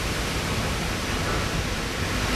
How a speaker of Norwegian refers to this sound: Nå begynner det å bråke. Jeg begynner å tappe her, så setter jeg på vann, så fyller opp kammeret, så det blir fullt.